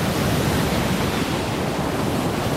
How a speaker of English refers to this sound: The waves grew taller, rising and falling around the waka. It rocked from side to side, faster now, harder.